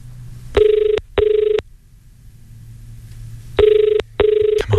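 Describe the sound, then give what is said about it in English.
A telephone ringback tone on an outgoing call to a contest entrant: two double rings, each a pair of short buzzing bursts, separated by a pause, clear and steady over a faint low hum. “Let's jump on the phones and see if we can get our next winner. If you've entered online, maybe I'm calling you right now.”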